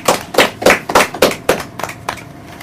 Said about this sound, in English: Can we give ourselves a round of applause?